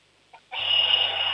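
shrill doorbell ringing

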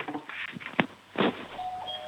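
doorbell ringing

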